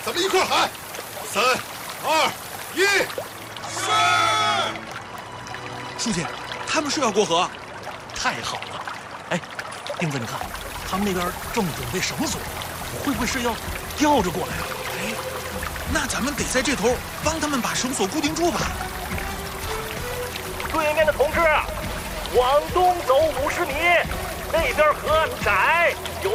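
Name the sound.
rushing river water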